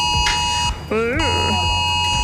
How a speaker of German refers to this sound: Ja, und überall die Frage, Mensch, wie geht das Ding wieder aus? Haben sich viele gefragt, als das Smartphone das Signal gegeben hat.